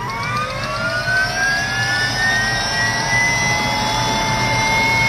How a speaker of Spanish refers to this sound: Sí, ahí un helicóptero está a punto de despegar.